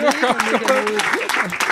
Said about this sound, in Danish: Nu klapper I helt vildt, og det er også dejligt, og I klapper også rigtig meget